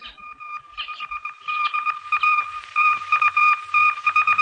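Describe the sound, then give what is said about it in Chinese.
Radio telegraph Morse code transmission of an intercepted secret telegram, picked up in a basement: a steady high-pitched tone keyed on and off in rapid dots and dashes, fairly loud and continuous over faint background static, with no one speaking. “果然，在地下室里，火龙拦截了一份密电。”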